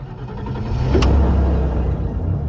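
A DS car's engine rumbles steadily from inside the moving vehicle on an evening drive back from a gala in Belgium, low and continuous, with a brief sharp click or knock about a second in and no voices.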